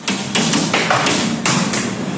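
Hailstones pelt window glass in loud, irregular sharp knocks over a dense, hissing wash of falling ice, continuous, with no voices, during a violent thunderstorm in the Rhône, France.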